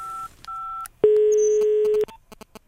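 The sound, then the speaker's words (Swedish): Two short dual-tone keypad beeps, then a long, loud steady ringing tone lasting about a second, followed by faint clicks and line noise, as a phone call is placed to a six-year-old in Gothenburg, Sweden. “Du, jag ringer ju dig för att jag behöver ju hjälp.”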